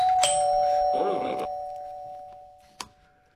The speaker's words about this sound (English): And if you get enough fish and everyone presses that doorbell, the lock will open. So cool.